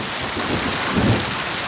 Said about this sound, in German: Es ist kurz nach 10 Uhr, als der Hagelsturm über Bülach zieht.